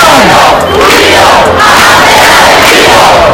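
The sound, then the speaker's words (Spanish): A large crowd of protest campers in the Puerta del Sol chants loudly and continuously in unison at night, a dense roar of many voices with rhythmic swells, sustained throughout without pause. “Esto cantaba anoche los acampados en la Puerta del Sol, Canals.”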